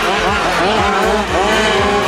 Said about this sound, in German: Hört euch mal diesen Sound an. Und nein, wir sind hier nicht auf einer großen Rennstrecke. Die Autos, die hier gerade mit Vollgas unterwegs sind, passen nämlich locker auf unseren Wohnzimmertisch. Wir sind beim WMC, dem Wiesbadener Minicar-Club